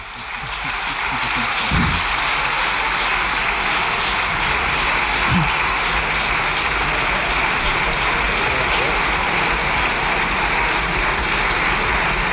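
Sustained applause from deputies in a parliament session fills the whole clip, a dense, steady wash of clapping at an even loudness with no gaps, lasting over twelve seconds.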